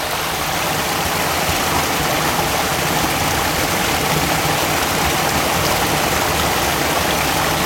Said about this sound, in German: Hier bemerken Sie vielleicht, dass der Bach sich anders anhört.